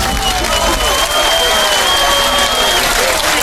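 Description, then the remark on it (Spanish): Steady, loud applause from a crowd, a dense wash of clapping that holds evenly for a few seconds, with a faint sustained tone running underneath. “Hombre, un aplauso.”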